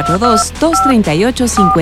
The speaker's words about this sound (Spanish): Teléfono en cabina